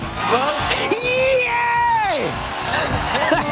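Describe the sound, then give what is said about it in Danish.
A man lets out a loud, unrestrained whoop of joy at a Danish victory, a long rising-and-falling shout lasting over a second, with a noisy crowd-like background and brief vocal sounds around it. “Jeg undskylder mit lidt ubeherskede hyl, men det er helt vidunderligt.”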